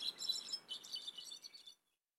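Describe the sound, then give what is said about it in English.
A busy flurry of high, thin bird calls and chirps, quick and overlapping like a small flock chattering, running steadily for under two seconds before stopping abruptly. “Although occasionally, they may gather in small groups, even mingling with birds of other species.”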